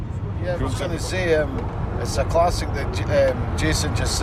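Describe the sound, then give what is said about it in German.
A steady, low rumble of road noise fills the inside of a moving car on the long drive from Edinburgh to Glasgow to a Scotland football match, continuous throughout, while a voice talks clearly over it. “nehmen mich im Auto mit zum Spiel.”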